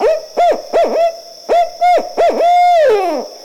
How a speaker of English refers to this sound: On the Underground Railroad, Tubman used the song of the Barred Owl as a signal to let freedom seekers know that she had arrived.